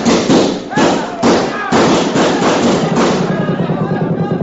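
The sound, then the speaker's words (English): Loud army rifle gunfire cracks in a quick, uneven series of sharp bursts, blending into a dense rumble of shots while men shout underneath. “Them are army rifles!”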